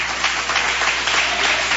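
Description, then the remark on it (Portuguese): A crowd applauds for Jesus during a religious service, dense overlapping clapping filling the space at an even, sustained level with no pauses, fairly loud. “Pode se assentar e dar aquela salva de palmas para Jesus que ele merece.”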